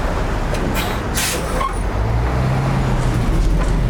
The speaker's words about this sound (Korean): 문이 닫히고 버스가 출발한다.